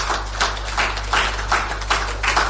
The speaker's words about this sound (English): Let's clap for them, please.